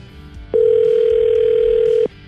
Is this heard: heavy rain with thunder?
no